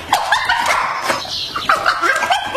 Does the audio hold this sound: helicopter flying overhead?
no